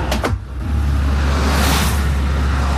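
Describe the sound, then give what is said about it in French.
Steady, loud traffic roar with deep low rumble as a stream of cars passes on a road where traffic cones are being collected from a moving truck, opening with a brief sharp swish before settling into continuous road noise. “Ah, voilà, tu vois, une flopée de voitures qui passe, tu vois.”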